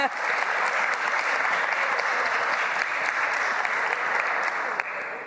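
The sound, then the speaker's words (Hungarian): Steady, dense applause from an audience, a continuous wash of many hands clapping at even loudness for several seconds, with no voices standing out. “Köszönöm szépen a tapsot”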